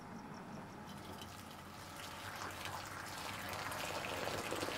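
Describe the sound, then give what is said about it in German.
Boiled water buffalo milk pours steadily into a clay bowl for making yogurt, a continuous splashing trickle that grows slightly louder and fuller over a few seconds, with no voices. “Die Tonschüsseln werden zunächst halb gefüllt, 20 Minuten später ganz und mit Joghurtkulturen versetzt.”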